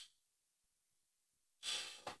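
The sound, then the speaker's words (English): A chair a few years old creaks in two quick bursts after near silence, a loud, bright scraping squeak followed by a shorter second one. “So there you guys go. Squeaky chair.”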